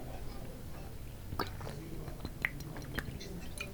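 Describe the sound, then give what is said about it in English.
Someone sips water to wet their throat, making soft wet mouth sounds with a few small clicks and faint smacks scattered across a few seconds, all fairly quiet with no talking. “Let me just wet my throat a little bit.”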